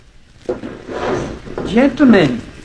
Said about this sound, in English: wake up before I pound the door down. Are you deaf? Well, open up.